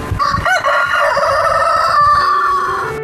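A rooster crows loudly, one long drawn-out call filling the whole few seconds with a strained, wavering pitch before cutting off.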